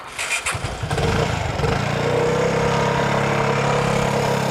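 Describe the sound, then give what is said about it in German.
A classic Italian motorcycle engine catches with a few uneven bursts, then settles into a loud, steady rumble with a rhythmic low throb during a short test ride to check the brakes and handling, with no voices. “Mal eine kurze Probefahrt, schauen, ob Bremse geht, Fahrverhalten und dann merkt man, ob irgendwas nicht stimmt.”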